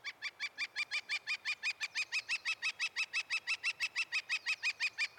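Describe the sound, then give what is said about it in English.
A woodpecker gives a long, steady series of loud, sharp call notes, about five per second, repeating evenly with no voices present. “As spring moves along, the woodpecker will find a mate and lose interest in hammering on your house.”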